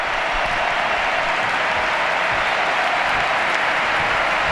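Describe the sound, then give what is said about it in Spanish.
The crowd at the Camp Nou stadium gives a standing ovation to Alexia Putellas, FC Barcelona's captain, as she is substituted after scoring twice, a dense, steady wash of clapping and cheering that stays loud throughout with no individual voices standing out. “Mira, escuchad el Camp Nou, Dani, la ovación a Alexia Putellas.”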